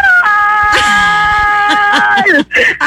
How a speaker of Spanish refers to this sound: Hazme el grito de gol que vas a hacer ahí en el estadio de Tamaulipas este fin de semana cuando meta gol la Jaiba.